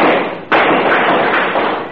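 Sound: gunshots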